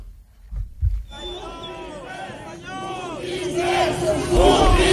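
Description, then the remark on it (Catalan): A large crowd of attendees at the Fossar de les Moreres in the Born shouts and jeers "botiflers" at leaders of Esquerra Republicana, a dense roar of many voices rising and swelling, with a couple of low thuds at the start before the noise breaks in. “Aquest so és, per exemple, de fa ja uns anys, crits de botiflers que alguns assistents feien a líders d'Esquerra Republicana.”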